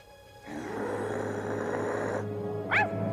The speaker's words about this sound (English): must be a mad dog. Stop him! Look out! Mad dog! Mad dog! He is cornered. Careful! Don't miss him!